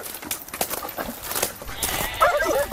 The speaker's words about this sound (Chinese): 你看，我们现在一只狗站在这儿，一群羊在我面前，他们根本就不敢过来。 走，赶回家吧。